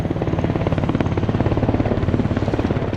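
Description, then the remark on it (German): A helicopter roars loudly during a military demonstration at the Triumph of Saint-Cyr, a summer officers' festival, its rotor blades thudding in a fast, steady rhythm with a deep throbbing drone underneath. No voices can be heard. “Kinder, Eltern und Großeltern, Freundinnen und Freunde flanieren einen Tag lang mit den jungen Offizieren über sommerliche Wiesen, schauen Vorführungen mit Panzern und Hubschraubern an.”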